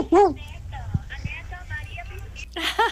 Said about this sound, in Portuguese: o cachorrinho.